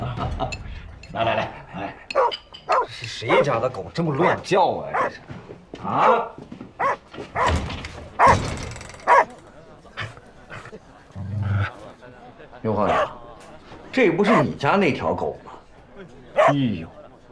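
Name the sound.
dog barking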